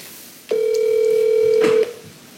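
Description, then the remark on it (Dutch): A telephone rings once: a single steady, mid-pitched electronic tone holds for just over a second, then stops. No one speaks. It is Arthur Menko phoning Fleur van Heek of the Twente textile family van Heek. “Arthur belt met Fleur van Heek.”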